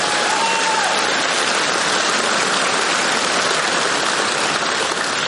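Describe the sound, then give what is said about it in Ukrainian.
Steady, dense audience applause for Yevhen Stankovych, national legend of Ukraine, many hands clapping at once in a continuous wash of noise that holds at an even loudness throughout, with no voices rising above it. “Ваші оплески. Браво!”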